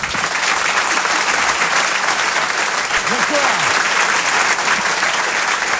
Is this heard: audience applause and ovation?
yes